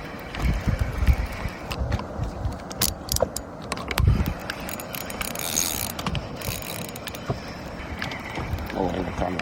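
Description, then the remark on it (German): A fishing reel winds in line on a boat at sea as a fish is caught, with the outboard motor switched off: a steady run of ratcheting clicks and mechanical whirring, set against a constant rushing background. “Miloš holt die Angelschnur ein.”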